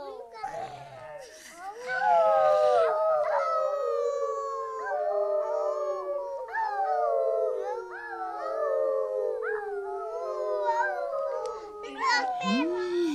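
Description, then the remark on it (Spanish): A pack of wolves howls together in the distance, several long, wavering voices rising and falling and overlapping continuously for the whole stretch, steady and fairly full, with no other sounds around them. “¡Eran lobos!”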